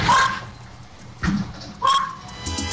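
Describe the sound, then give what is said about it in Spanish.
A dog barks a few times in short, separated bursts over a mobile phone, sounding thin and tinny as if coming through a phone line, with faint background noise between the barks. “No le suelten el celular al, no le suelten el celular al perro.”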